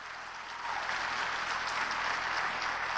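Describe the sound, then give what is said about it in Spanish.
A crowd claps steadily and loudly at a preacher's call for strong, joyful applause, a dense wash of many hands with no pauses or voices, sustained evenly for about three seconds. “Dele fuerte el aplauso con gozo.”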